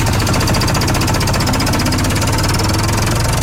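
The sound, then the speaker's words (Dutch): A loud, steady tractor engine rumbles with a rapid, pulsing chug and rough mechanical vibration, no voices, as the tractor sets off pulling a wagon giving people a ride on a farm in Harmelen. “Dit wordt ook mijn eerste rondje op de trekker.”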